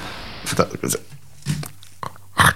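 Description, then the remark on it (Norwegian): Crisp crunching from biting into a raw potato during a taste test, a few separate crunchy bursts spaced over a couple of seconds, with some muffled vocal sounds mixed in. “Ordentlig knas fra... Eller ikke knas i gang, men... Skal jeg sprø poteten? Nei, det er som et eple, liksom.”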